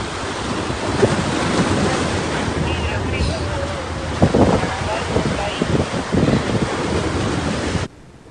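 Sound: sea waves and wind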